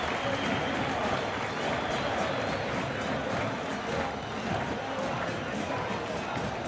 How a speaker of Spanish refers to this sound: Muy bien, Sebastián Cíbar de la cancha, aplaudido por los 20.000 hinchas de Boca, escuchen.